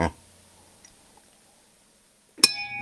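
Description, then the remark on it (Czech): A single sharp clink as one ceramic mug strikes another, leaving a bright ringing tone that lingers briefly. It comes at the end after near silence, following a short muffled noise at the start. “A když jeden hrníček trefí druhý hrníček, tak to se stává.”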